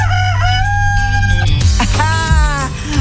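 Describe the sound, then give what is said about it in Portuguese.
Joaquim, a pet rooster, crows loudly, letting out a couple of long, strained cock-a-doodle-doos back to back, with no one talking over it. “Lu, o Joaquim tá perguntando aqui se por acaso você não tem uma galinha também, uma pet pra apresentar pra ele, porque ele não pode ver a galinha, né?”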